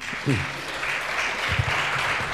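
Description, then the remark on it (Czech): A festival audience, heard over a radio broadcast, applauds the festival's programme organiser Pavel Melounek in a steady, dense wash of clapping that fills the whole clip, with a couple of brief voice fragments poking through the noise. “ale rozhlasová technologie nám umožní, abychom, když vyslovíme druhé jméno člověka, který má na starosti programově festival, Pavel Melounek, tak samozřejmě už to bude vypadat, že ten potlesk je o něco slyší.”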